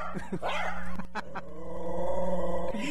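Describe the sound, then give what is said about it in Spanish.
Dogs bark in a few sharp bursts, then a long, rumbling growl drags on underneath, with some whimpering yips mixed in, outdoors at an open-air broadcast, with no one talking. “Ahorita te andaban echando los perros aquí.”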